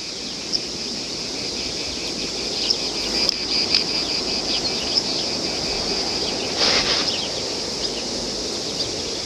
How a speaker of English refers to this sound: This lack of speech in the face of the cicada's sound is something which, according to the myth told by Socrates, would cast a spell on the gunman.